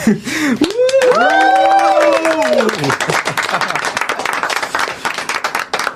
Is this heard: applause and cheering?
yes